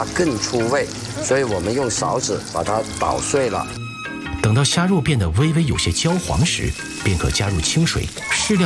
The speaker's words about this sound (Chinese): 我们先做虾油。好。热锅冷油，虾头下锅，不断翻炒，逼出虾油。 你看现在的它这个油的颜色已经发生变化了。